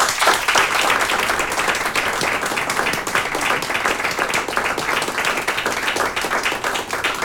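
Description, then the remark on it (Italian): An audience applauds steadily, a dense wash of many hands clapping at an even, sustained level for the whole stretch, with no voices over it, applauding the musicians of the RTV Slovenia Symphony Orchestra at the RTV Koper-Capodistria regional centre. “Un applausino.”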